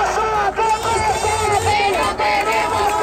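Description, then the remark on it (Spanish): A large housing protest crowd in Málaga chanting together at night, many voices merging into a loud, continuous roar of shouted phrases whose pitch rises and falls without a break. “Sonaba anoche la manifestación por la vivienda en Málaga”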